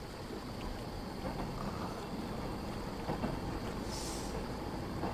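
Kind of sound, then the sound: vehicle, train passing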